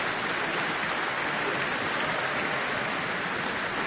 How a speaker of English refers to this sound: Cheers from the audience, who have been delighted by the performance this evening.